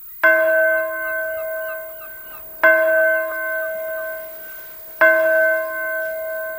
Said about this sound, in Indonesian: Nah, dengar itu, lonceng gereja di desa sebelah sudah mulai berbunyi. Suaranya sangat jernih ya, Kak, beradu dengan suara burung hutan.